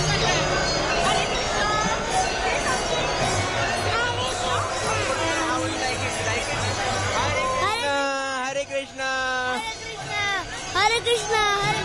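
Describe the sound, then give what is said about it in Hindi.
Dense crowd chatter at a busy temple where children are brought for darshan, a steady babble of many overlapping voices with children's higher calls rising out of it, continuous and fairly loud throughout. “बच्चों का भी इम्पोर्टेंट है दर्शन करना, भीड़ है लेकिन आप फिर भी यहाँ पर पहुंचे उनको लेकर, बहुत अच्छा लग रहा है।”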